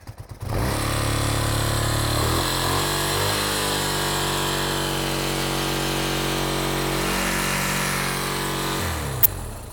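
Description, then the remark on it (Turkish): With the ignition switched on and fuel in the carburetor, an old motorcycle engine coughs a few times, catches and starts easily, then runs steadily with a throaty, uneven idle that rises and settles before cutting off near the end. Loud, no talking. “Karbüratörde benzin olmalı çünkü kolay çalıştığına evet, göre kesinlikle. Uzun çalışıyor.”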